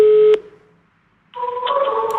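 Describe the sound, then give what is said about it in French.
Electronic telephone tones, a steady beep that cuts off into about a second of silence and then sounds again, like a busy signal after dialing, as phone calls are made one after another, some unsuccessful. Clear, with no voices. “Devant son téléphone, les appels se succèdent, parfois infructueux”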